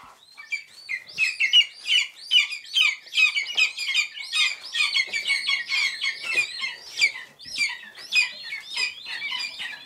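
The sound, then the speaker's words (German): Hungry lesser spotted eagle chicks, small and grey, at a rearing station near Potsdam where 26 hatched, calling nonstop: a dense, overlapping chorus of shrill, high-pitched peeping cries that rises quickly and stays loud and insistent throughout, with no talking. “Sie sind klein, grau, haben Knopfaugen, sind unfassbar flauschig und sehr laut, wenn sie hungrig sind, die Schreiadler-Küken. Hören Sie mal.”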